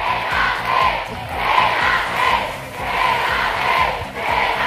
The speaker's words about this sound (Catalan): Són els crits que ahir 10.000 aficionats li proferien a la capitana del Barça a la celebració de la quarta Champions de les culers.